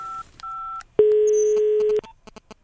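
Short electronic telephone tones of a call being placed to a listener in Göteborg: a couple of brief two-pitch dial beeps followed by a longer steady ringback tone lasting about a second, then faint line noise. No one speaks.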